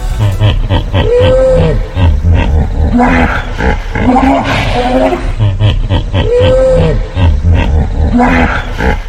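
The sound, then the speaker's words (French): A hippopotamus vocalizes with loud, deep bellowing grunts and wheezing honks that run continuously, the same rumbling phrase repeating twice, with no voices present. “C'est l'hippopotame.”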